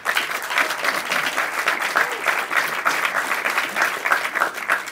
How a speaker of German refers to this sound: Sie dürfen immer, immer klatschen. Das ist ganz wichtig für uns auf der Bühne, dass wir da ein Echo bekommen, vor allem für die Kandidaten.